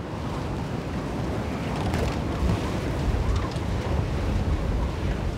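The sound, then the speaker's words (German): Steady, roaring North Sea storm wind buffets the microphone over churning surf as the water level rises and the storm keeps strengthening, a dense low rumble with hissing spray that stays loud and unbroken throughout, with no voices. “Noch 4 Stunden wird die Nordsee steigen und der Sturm nimmt weiter zu.”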